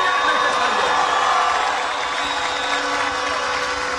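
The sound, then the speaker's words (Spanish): A crowd of about a hundred people at an outdoor political rally on the malecón by the Magdalena River in Colombia cheers and claps in a loud, steady roar of mingled voices and applause that holds at an even level for about four seconds. “Un centenar de personas escucha esta intervención aquí en el malecón.”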